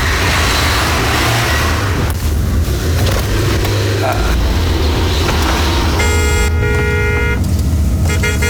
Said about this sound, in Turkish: Kornay bize mi çalıyor